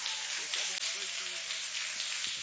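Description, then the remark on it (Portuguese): Steady, dense applause from a worship audience welcoming a speaker, applauding for Jesus, fills the whole stretch, a continuous crackling wash of many hands clapping, with faint voices or cheers mixed in underneath. “Eu quero que você receba ele com aplausos bem forte para Jesus.”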